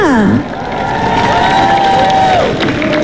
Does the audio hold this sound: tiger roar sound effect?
no